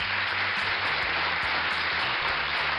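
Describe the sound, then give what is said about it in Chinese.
A burst of steady applause, many hands clapping in a dense, even wash of sound that holds at a constant level throughout, with no voices. “哎呀，在这儿我觉得真的是要给闪闪一个大大的掌声。”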